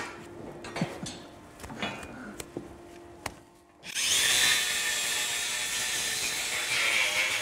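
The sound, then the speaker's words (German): Scattered clicks and knocks, then an angle grinder abruptly starts up to trim a cow's hoof, running loud and steady with a harsh, high-pitched grinding hiss until the end. “Also für die Kuh ist das, denke ich, relativ egal, ob die jetzt mit der Flex oder mit dem Messer.”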